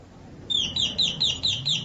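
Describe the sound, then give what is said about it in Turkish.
The melodic doorbell of a two-storey villa with a garden rings on its own, playing six quick, high descending chirps in a steady rhythm, sounding almost like birdsong over a low background hum. “Zilin sesi bir de başka. Bak nasıl melodili çalıyor.”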